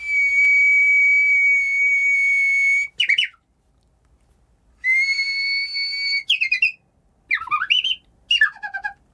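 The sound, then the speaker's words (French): Japanese bush warbler (uguisu, the Japanese nightingale) song: a long, steady high whistled note that breaks into a quick warbling flourish, repeated three times with a few short trills and no talking. “Ça, c'est un oiseau rossignol japonais, et vous faites ça à un japonais, c'est son oiseau emblématique.”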